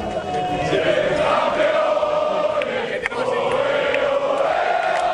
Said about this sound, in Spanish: Era el sonido de los jugadores, de todo el equipo técnico aplaudiendo y también trabajadores de la Casa Real. Todos celebrando junto a los reyes, la princesa Leonor, la infanta Sofía.